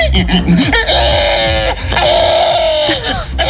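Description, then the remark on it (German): A person imitates a pig squealing, the winning entry of the first Estonian pig-squealing festival: loud, shrill, strained squeals, two long sustained cries with choppy grunting snorts before, between and after, no other talk. “Es ist der Gewinner des ersten Estländer Schweinequieken-Festivals.”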